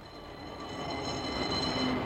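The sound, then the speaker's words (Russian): A running tram car rumbles along steadily, its broad mechanical roar joined by faint high squealing tones from the wheels, growing slightly louder as it passes. “Что говорит тебе, мой слушатель, этот бегущий трамвайный вагон?”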